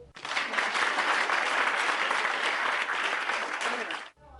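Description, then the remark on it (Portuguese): A group claps together for everyone in a steady burst of applause lasting about four seconds, dense, then stops abruptly. “Palmas para todos.”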